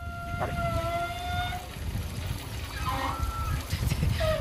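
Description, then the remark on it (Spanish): Wide pipes in a gym with many showers vibrate as hot water starts to rush through, giving a steady whining hum that holds for about a second, then shifts pitch in shorter tones, all over a constant low, rumbling flow. “De los gimnasios, como tiene muchas duchas, las tuberías son más anchas. Entonces, cuando empieza a pasar el agua caliente, supongo que vibrará ahora algo del estilo y hace un sonido parecido.”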